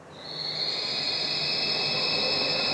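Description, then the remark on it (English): A pigeon scaring device at Alcobaça, playing a collection of predatory sounds to scare birds away, emits a single loud, piercing high-pitched screech imitating a predator call. It swells in quickly, then holds steady and unbroken throughout, with a faint hiss beneath and no voices. “It's a pigeon scaring device, a collection of predatory sounds that scares the birds away.”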